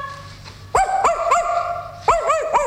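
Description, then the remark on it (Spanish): A dog barks in two quick bursts, three sharp, high-pitched yaps followed by a pause and then two more, loud and clear with no talking. “¿Y usted, amigo perro?”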